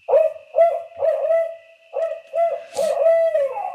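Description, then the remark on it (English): A series of loud, hooting calls of barred owls, recorded earlier and played from two loudspeakers on the side of a logging road in the Hoopa Valley, in a rhythmic pattern, strong and clear with a slightly electronic, speaker-played quality, including a rising, rolling ending; no talking. “Mark records the calls of almost every barred owl before he shoots them. And it's those hoots that are now playing out of these speakers.”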